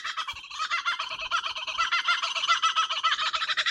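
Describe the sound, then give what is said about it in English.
A kookaburra outburst: a loud, continuous burst of rapid, cackling calls from kookaburras, the largest members of the kingfisher family, in quick rhythmic pulses, several birds seemingly overlapping, with no talking. “That's a little outburst of the kookaburra birds, the largest member of the kingfisher family.”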